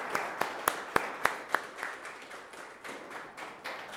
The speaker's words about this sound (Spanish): Les damos un fuerte aplauso a todas las mamás, especialmente a la Virgen María.